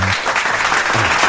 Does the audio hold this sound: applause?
yes